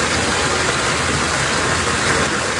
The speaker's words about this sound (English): So it sounds like a river, right? It's actually water rushing into one man's basement in the city.